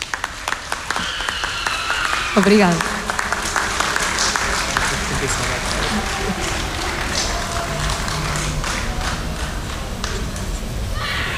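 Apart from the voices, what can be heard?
audience applause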